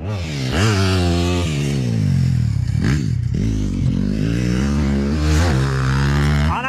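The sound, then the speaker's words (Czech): Motocross motorcycle engines roar loudly and continuously at a motocross training session of the Automotoklub Pacov in Pacov, Vysočina. Their pitch climbs and drops as riders rev and shift, with several bikes overlapping. No voices are heard. “Tohle burácení je motokrosový trénink v automotoklubu Pacov.”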